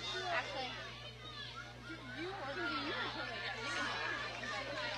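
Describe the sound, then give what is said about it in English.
A large stadium crowd at a game on a beautiful, sunny day murmurs and chatters in a steady, overlapping babble of many voices, with a constant low hum underneath and no single voice standing out. “Huge crowd.”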